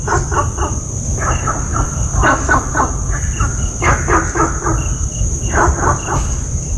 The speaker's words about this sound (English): I have for you an audio recording of Gunther's frog in Singapore. Riveton barks, but no rivet is heard.